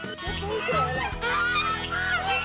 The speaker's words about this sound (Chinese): 鹅都长大了，越长越大。 我就没打算吃它， 它有灵性的，不好吃， 有灵性，会听得懂我们讲话。